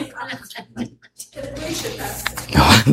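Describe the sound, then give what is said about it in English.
A single loud, explosive sneeze bursts out at the end, preceded by a few short snorting, voice-like noises and a brief pause. “Bless you.”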